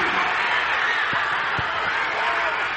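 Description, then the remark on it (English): A dense, steady roar from a large sports crowd, cheering loudly and continuously after a goal by Quintos, with no single voice standing out from the wash of noise. “You can hear the crowd.”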